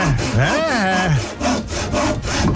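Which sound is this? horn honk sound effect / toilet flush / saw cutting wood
saw cutting wood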